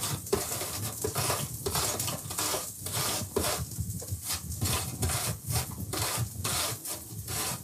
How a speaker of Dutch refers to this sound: En nu de appel. Ook raspen, hè. Een beetje voorzichtig zijn.